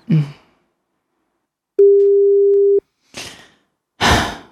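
A single steady telephone ringing tone sounds for about a second as a call is placed to Domino's to order pizzas. It is clear, framed by a short breath before it and heavy, breathy exhales after.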